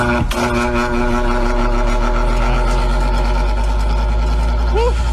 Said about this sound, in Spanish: Ahí prende el ventilador.